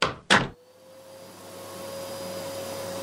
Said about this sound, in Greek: Ρε μαμά, πρέπει να διαβάσω. Άσε τη σκούπα για άλλη ώρα.